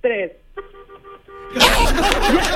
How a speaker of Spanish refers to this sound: Pero pítale con el claxon. Sí, cómo no.